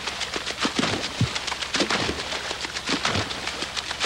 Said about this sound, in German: Im Hintergrund hört ihr das Wasser platschen.